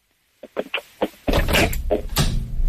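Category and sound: household object, door being closed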